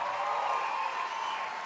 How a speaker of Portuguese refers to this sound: Aplaude Jesus aí, meu povo.